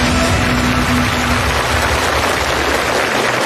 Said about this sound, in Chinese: 接下来有一位全能多面手，也将用他灵活的臂膀书写力量的篇章。掌声请出研发代表。